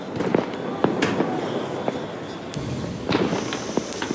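Repeated fireworks bangs and crackles burst at irregular intervals outside the Parc des Princes stadium in Paris, some sharp, over a steady noisy outdoor background with no talking.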